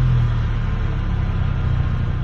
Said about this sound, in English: With the sound of drivers just as hungry as you. We have all been there. I have definitely been there. Our vehicles idling in line.